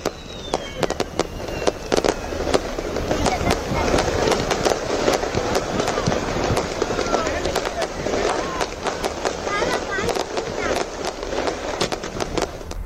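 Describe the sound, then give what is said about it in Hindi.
A dense fireworks display on the banks of the Vaigai River in Madurai during a seven-day festival: rapid, irregular sharp bangs and crackling pops fire continuously and fairly loud, over a steady murmur of crowd voices. “इस अवसर पर वैगई नदी के किनारे भव्य आतिशबाजी तक की गई है।”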